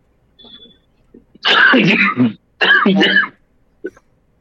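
A man with a cold coughs and clears his throat in two loud bursts after a short pause, harsh and rasping, with only faint breathy sounds before and after, during a Radio Vitasta broadcast.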